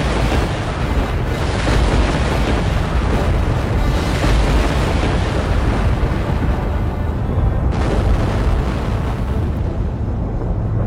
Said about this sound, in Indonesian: Begitu sang wali selesai mengucapkan kata-katanya, tiba-tiba guntur di angkasa menggelegar. Halilintar menyambar-nyambar. Hujan pun turun dengan deras.